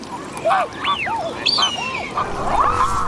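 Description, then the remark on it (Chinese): A mute swan calls on Wuliangsuhai lake, its largest breeding ground in China, giving a quick series of nasal, rising-and-falling honks that overlap one another, steady, with no talking, while washing itself in the lake water. “同小天鹅一样，它亦是天鹅属鸟类，但因为天鹅有黑色油状突起，所以被称为油鼻天鹅。”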